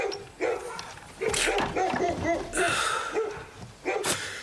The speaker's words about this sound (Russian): По улице, качаясь, идет толстый мужик. Он в кепке и косоворотке на выпуск. Опирается о забор, тяжело дышит.